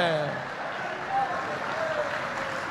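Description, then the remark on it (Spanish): A church audience claps steadily and densely for a few seconds, applauding the Lord during a sermon, a continuous wash of hand claps with a faint voice rising above it at the start. “Dele palmas al Señor.”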